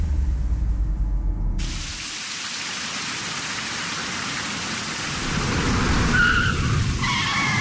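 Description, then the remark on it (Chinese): Steady heavy rain pours down after a low rumble at the start, and near the end a fast-riding rider brakes with a short, high squealing skid on the slippery wet road. “你给我刹车，这么大的雨，路这么滑，你还骑那么快啊？”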